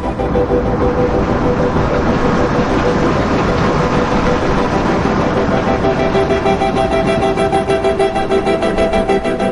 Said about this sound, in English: Have you ever heard railroad train wheels rolling along the rails, clickety-clack, clickety-clack, and thought how musical they sound?